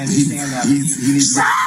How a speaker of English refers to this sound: So you can hear the screaming going on here.